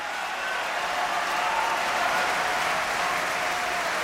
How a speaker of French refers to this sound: Puis les applaudissements s'étoffent pour Zerbinette, alias Zidai.